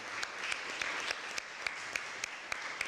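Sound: round of applause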